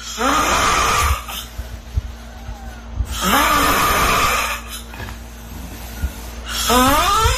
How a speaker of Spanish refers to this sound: Pero, ¿qué tan mal pueden ser? ¿Qué tan malos pueden ser esos ronquidos?